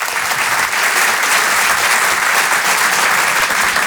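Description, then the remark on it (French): Steady, loud applause from an audience welcoming a stand-up comedian onto the stage, a dense wash of many hands clapping without pause for the whole stretch, with no voices standing out. “Je vous demande de l'encourager et de l'applaudir très chaleureusement s'il vous plaît.”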